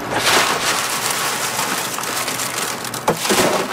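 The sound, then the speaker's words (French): A steady, dense patter of dry Alta de Moda beans being winnowed in the wind on Île d'Orléans at Saint-Laurent, Quebec, husks blowing away as the grains fall and scatter, a continuous crackling rustle like rain, with a few sharper clicks near the end and no voices. “Puis après, avec le vent, j'envoie ça ici, on appelle ça vanner. C'est que là, avec le vent, la cosse, ça s'en va, puis le grain tombe.”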